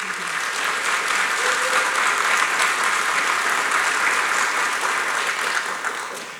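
An audience in Gresham, Oregon claps in a dense, steady roar of applause for a guest being introduced, holding strong for about six seconds, then beginning to taper off at the very end. No one speaks over it.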